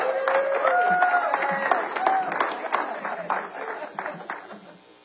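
Steady audience applause with dense, overlapping clapping that tapers off over about five seconds, with a few whoops and cheers mixed in.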